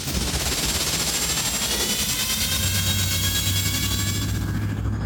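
Luke's hover vehicle, worked on all day the day before, runs with a steady, smooth engine roar and a whining high hum throughout, and a deep low drone swells in partway through as it keeps running evenly. No one speaks.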